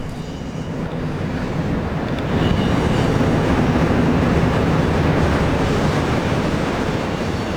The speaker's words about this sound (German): Jetzt kommt ein Zug.